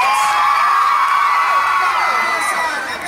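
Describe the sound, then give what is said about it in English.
A large audience screams and cheers as Victorious actor Mad Benny is introduced on stage, a dense wall of high-pitched shrieks and whoops that stays loud and sustained from start to finish. “Let me hear you scream for Mad Benny.”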